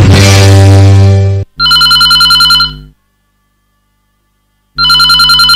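A loud telephone rings in bursts for an incoming call to a folk-song phone-in radio programme: a long harmonic ring, then another short ring, a pause of silence, and a third ring starting at the end. No voices are present.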